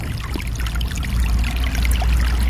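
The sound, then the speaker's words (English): A small snowmelt-fed brook runs steadily through a grassy subalpine meadow among spruce and fir trees in a national park in September. It makes a continuous gurgling, trickling wash of water with bright splashy flecks over a low rumbling bed, with no voices. “All through these little meadows, in every little swale, it seems like, is a small brook fed by snowmelt and running spring, summer, and into the fall.”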